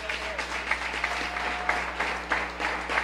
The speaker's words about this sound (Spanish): Denle un aplauso.